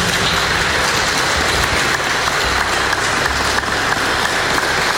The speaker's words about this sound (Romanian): Cartea care se numește Lecția de rusă și aparține aici prezente binecunoscute scriitoare, eseiste și critic literar Maria Pilkin, pe care vă rog să o aplaudați.